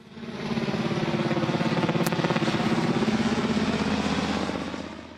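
A helicopter sound effect: steady, rapid rotor chop over a dense engine roar, rising in quickly, holding loud and even for several seconds, then easing off slightly at the end.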